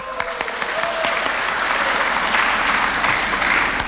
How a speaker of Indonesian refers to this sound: Tepuk tangan, ya.